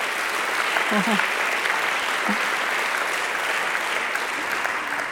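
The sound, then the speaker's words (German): Steady applause from an audience, a dense, even patter of many hands clapping at constant loudness throughout, with faint voices briefly audible underneath. “Ja, Beifall wert.”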